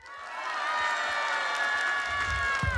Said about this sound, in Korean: 네, 지금부터 여러분들에게 비트박스 공연을 보여드릴 건데 중간에 신기하거나 멋있는 게 나오면은 큰 박수 함성 부탁드립니다.